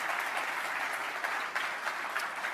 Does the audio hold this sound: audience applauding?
yes